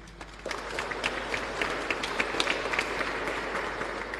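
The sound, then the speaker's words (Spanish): An audience at a church service, after the praying of the Holy Rosary, applauds with a steady, dense patter of many hands clapping, moderately loud and even throughout, with a few sharper individual claps standing out and no voices over it. “Muchísimas gracias y lo hacemos con aplauso.”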